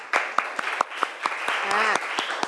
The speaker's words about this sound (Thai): โอเคปรบมือเพื่อนหน่อยค่ะ